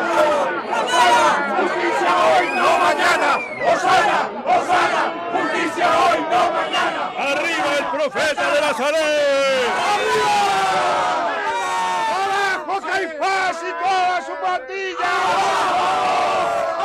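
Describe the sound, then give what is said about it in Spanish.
A large crowd of peasants and Galilean visitors at the golden gate of Jerusalem, waving laurel and palm branches and already hoarse, shouts and cheers the Messiah continuously, many voices overlapping in loud, excited yelling and whoops that stay dense throughout. “Una avalancha de campesinos de Betania, de forasteros galileos, de hombres y mujeres agitando con entusiasmo ramas de laurel y de palmera, enronquecidos ya de tanto gritar, vitoreando al Mesías, al hijo de David.”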